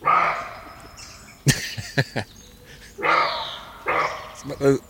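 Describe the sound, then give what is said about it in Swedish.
A fox gives a handful of short, sharp barking calls, a quick cluster followed later by one more, with people talking in between. “Vi tar först då repetition, räven.”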